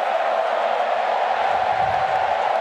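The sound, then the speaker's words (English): A dense, steady roar from a large stadium crowd, with Freo fans making the din, loud and continuous with no gaps, a broad wash of many voices blending into a sustained din. “Now we're getting noisy.”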